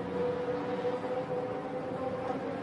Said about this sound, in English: As you can hear in the background, the car engines have fired.